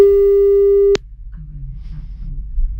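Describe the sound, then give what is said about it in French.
A steady, mid-pitched telephone beep during a call-in game holds for about a second, then cuts off abruptly with a sharp click, leaving only a faint low hum and murmur behind. “Vas-y, un bip bip.”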